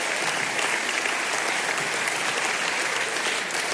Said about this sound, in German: Sie können ruhig klatschen, wenn Sie möchten. Ich freue mich, wir freuen uns für das Geräusch.